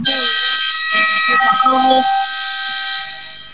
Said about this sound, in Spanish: Cuando suena la chicharra, indicando que aquí, en el Gigante del Sur, se ha terminado el primer periodo.